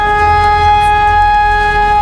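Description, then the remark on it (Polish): A civil defense warning siren sounds during a nationwide emergency-readiness test in Wrocław, Poland, loud and steady, holding one sustained harmonic tone for the full two seconds with a low rumble beneath and no voices. “W całym kraju można było usłyszeć syreny ostrzegające, a kiedy we Wrocławiu poderwano alarm,”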